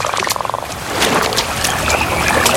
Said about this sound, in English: Frogs came from the waters. Frogs upon frogs upon frogs upon frogs.